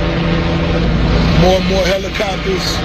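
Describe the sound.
A steady, loud mechanical drone of helicopters overhead at the scene of a house fire attended by fire trucks, a continuous low rumble filling the scene while a voice briefly speaks over it.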